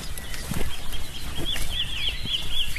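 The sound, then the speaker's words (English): A wren sings a quick run of high, bright chirping notes at sunrise, set against a steady outdoor hiss with a few soft low knocks. “The wren, isn't it?”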